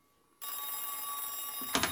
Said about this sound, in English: But I cannot shut out the world. First you are here, and now the telephone is ringing without cessation.